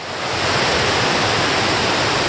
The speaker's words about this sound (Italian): Oggi qui si sente solo il rumore dell'acqua.